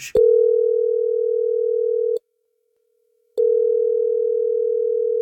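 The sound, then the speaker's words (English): A telephone ringback tone on an outgoing call: a click, then a steady low hum lasting about two seconds, a pause of silence, and the tone starting again, clear. “It's ringing”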